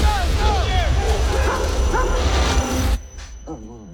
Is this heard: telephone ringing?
no